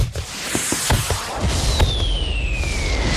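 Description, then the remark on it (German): A rapid, irregular string of sharp firecracker bangs cracks over a dense, noisy rumble, then a thin whistling tone slides slowly downward as the popping continues. “Oder auch in der Schule oder wenn man Böller oder Raketen anzündet an Silvester oder nicht an Silvester.”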